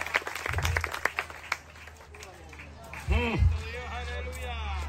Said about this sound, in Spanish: ¿Cuántos alaban al Cristo de la gloria? Dele fuerte ese aplauso si es para el Cristo de la gloria.